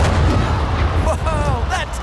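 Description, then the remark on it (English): A loud cannon boom from a human cannonball act, shooting a person 75 feet into the air, bursts at the start and rolls into a heavy, rumbling low-end roar, with brief raised voices or cheers rising over it toward the end. “A human shot out of a cannon 75 feet into the air with nothing but pure pizzazz.”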